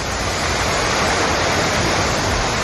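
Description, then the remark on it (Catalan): A loud, steady roar of rushing floodwater from a river swollen by heavy storm rain in Catalonia fills the whole stretch, dense and unbroken, with no voices over it. “De fet, preocupa la crescuda de rius i de rieres com el riu Besòs a Santa Coloma de Gramenet o el riu Ripoll a l'alçada de Montcada, que han superat el llindar de perill.”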